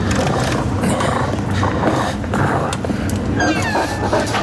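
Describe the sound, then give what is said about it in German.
A large wolf, out of breath from a chase, snarls and growls with rough, heavy breathing, loud, continuing steadily for several seconds with a few higher whining tones near the end. “Der große Wolf war vollkommen außer Atem von der Hetzjagd.”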